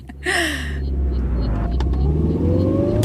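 A car engine revs and accelerates, a steady low rumble rising in pitch, with a brief higher whine near the start and no one talking. The car is driven over the A57 to the State Criminal Police Office car park at dawn on 14 October 2014.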